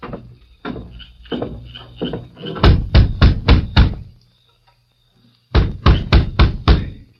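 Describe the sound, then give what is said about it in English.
A series of sharp, loud knocks on the wooden door of a closed store: several softer raps, then a quick burst of five heavy knocks, a pause, and another rapid group of five. “Now you knock on the door.”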